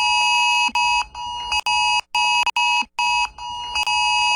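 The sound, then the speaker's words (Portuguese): A loud, harsh cellphone extreme emergency alert tone blares in repeated pulsing bursts separated by brief gaps, piercing, with no one speaking. “No último sábado, um ataque hacker foi responsável por enviar mensagens falsas de alerta extremo para mais de 30 milhões de celulares em 8 estados do país.”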